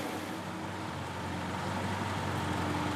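Old East German (DDR) cars from the IFA collection in Quilo drive out of a hall, rumbling past with steady, droning engines, a continuous mechanical hum with a slight nasal whine layered over broad noise, constant throughout, with no voices.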